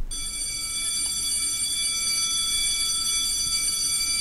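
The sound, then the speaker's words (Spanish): A school bell rings for recess continuously for about four seconds, a steady, loud, high-pitched electric ring that holds the same tone throughout with no speech over it. “Yo recuerdo la época de cuando sonaba el timbre, nos teníamos que quedar todos en silencio.”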